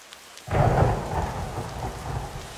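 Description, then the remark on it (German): Heavy rain pours down in a dense, steady roar after a sudden onset, with a deep rumble of thunder rolling underneath. No voices, just the wash of the downpour. “Ach ja, immer dieser Regen. So wie es hier schüttet, gibt's bald Hochwasser, meint ihr nicht?”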